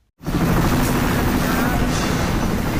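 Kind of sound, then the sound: vehicle, military helicopter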